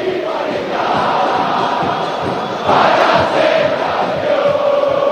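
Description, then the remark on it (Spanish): A huge crowd of Boca football fans chants and sings together in a stadium, welcoming their team out for a match against Vasco, a dense, steady roar of massed voices that swells louder partway through and holds there. “Escucha al pueblo de Boca”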